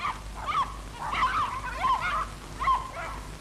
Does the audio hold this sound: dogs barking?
yes